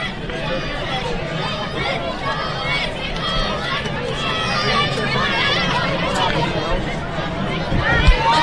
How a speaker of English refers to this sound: Fans in attendance cheering on the Cal Golden Bears as Roach decides to step off the mound and give himself a chance to reset a little bit.